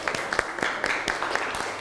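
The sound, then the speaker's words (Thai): A group claps for a classmate who has just answered a question, in scattered, overlapping applause, a brisk patter of many hands at moderate volume lasting a couple of seconds without a clear beat. “พื้นผิวค่ะ พื้นผิวปรบมือให้เพื่อนหน่อยครับ”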